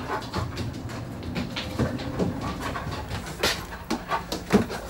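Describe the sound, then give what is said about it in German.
A sniffer dog pants steadily in quick, breathy bursts with occasional soft whines over a low rumbling, clattering background like a moving train; no one speaks. “Hunde im Sicherheitsdienst werden unter anderem auch für die Suche von Sprengstoff eingesetzt.”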